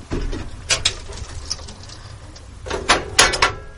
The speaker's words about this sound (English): And the door's closed, all automatic.